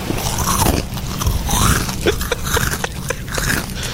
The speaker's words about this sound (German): Gucken Sie zur Seite und sehen, wie sich eine Ziege an ihren Chips vergeht. So passiert an der Cala San Vicens. Das Tier, das spazierte nämlich ganz entspannt durch die Badegäste und hatte es offenbar vor allem auf deren Proviant abgesehen.